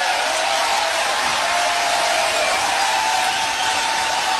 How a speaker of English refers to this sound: But I don't want to take it out. I don't want to censor the applause either. But this happened in Michigan during a rally for someone running for Senate there who seems like a crazy person himself.